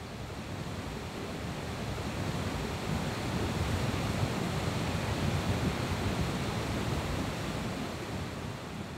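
The Passa river foams and churns through the rocky Gilfklamm gorge in Meran: a steady, dense roar of rushing water that holds constant without pause, broad and hissing with a heavy low rumble underneath.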